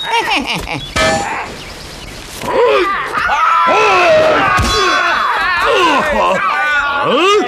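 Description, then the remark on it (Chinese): A single sharp metallic clang rings out early on: a sword chop striking the Monkey King's (Sun Wukong's) hard 'bronze head, iron brain' as he stands to take three blows. Strained voices groaning and exclaiming follow over a busy background. “老孙就站在这儿，让你砍上三刀。”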